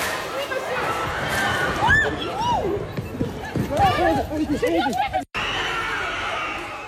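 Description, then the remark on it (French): A chaotic street protest in central Paris, France, with riot police trying to disperse the crowd: many voices shout and yell over constant commotion and scuffling, loud, before an abrupt cut and a steadier crowd roar. “Ouais, plusieurs vidéos dans plusieurs villes montrent les CRS qui tentent de disperser, comme ici dans le centre de Paris.”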